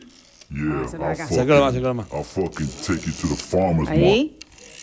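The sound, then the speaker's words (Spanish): A rotary phone dial turning as a phone number is dialed, with the microphone brought up to the dial; its quick ratcheting clicks run in short bursts, partly covered by a voice talking over it. “Por favor, acerca el micrófono al disco para que la gente retro como yo escuche el sonido.”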